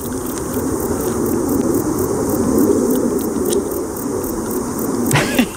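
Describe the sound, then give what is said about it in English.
A bog bush cricket chirps in a steady, rapid series of high, thin pulses, repeating evenly throughout. A low, continuous aeroplane drone rumbles underneath. “The entomologists among you will instantly recognise the sound of the bog bush cricket, I'm sure.”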